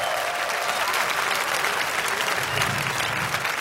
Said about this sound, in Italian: Let me hear an applause,